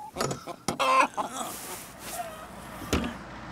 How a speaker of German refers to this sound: sind wieder bei den Hühnern. Wieder muss das Mobil gesäubert werden.